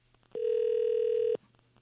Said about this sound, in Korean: 신호 가고 있는